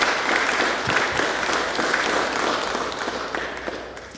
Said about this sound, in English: Men, can we please give them a round of applause for their 10 years of stewardship?